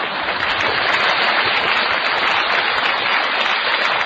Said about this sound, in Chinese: 您这鼓掌什么意思？